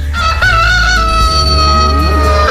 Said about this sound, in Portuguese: O galo cantou.